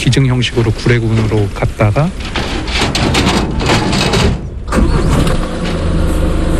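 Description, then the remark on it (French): A truck engine turns over and rumbles to life, then settles into a steady idle, with indistinct voices heard briefly at the start, as two bears are loaded aboard the truck bound for the Gouré refuge near Mont Djili National Park. “Après avoir été auscultés, Dolly et Souni sont embarqués à bord d'un camion, direction le refuge de Gouré, près du parc national du Mont Djili, au sud du pays.”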